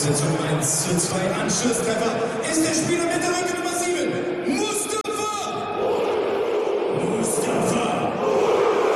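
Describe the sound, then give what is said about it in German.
A huge stadium crowd in the arena in Hannover roars in celebration of a Hannover 96 goal against Münster just before half-time, a dense, sustained wall of cheering and shouting with chanting voices rising through it, loud and unbroken for the whole stretch. “So, Tor für Hannover 96 und den Jubel genießen wir jetzt mal.”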